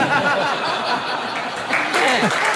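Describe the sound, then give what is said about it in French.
A crowd applauds in a steady, dense wash of clapping, with laughter and excited voices rising through it and swelling louder near the end. “Et ils applaudissent.”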